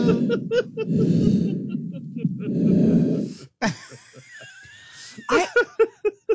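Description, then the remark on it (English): A person breathes through a CPAP machine: two long, loud, airy breaths, followed by sharp snorts, gasps and short laugh-like sounds. “Somebody recorded me with a CPAP machine.”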